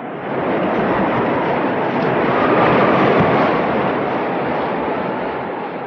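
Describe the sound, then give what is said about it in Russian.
A dense, steady roar of heavy rain and gusting wind from a September storm fills the whole stretch. It is loud and swells slightly in the middle, with no pause or voices. The rain has lashed down for six days running, and the wind makes the walls shake. “Шестой день подряд хлещет дождь. От ветра даже стены дрожат.”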